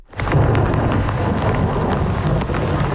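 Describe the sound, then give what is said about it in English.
A heavy overnight thunderstorm downpour on the island of Montreal roars steadily and loudly, with a deep rumbling undertone beneath the dense hiss of rain, continuous throughout with no voices. “The island of Montreal is reeling with the after effects of an overnight thunderstorm.”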